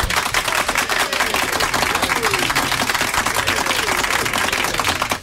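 Sustained applause from a crowd, dense rapid clapping at steady loudness throughout, with a few faint voices and whoops mixed in.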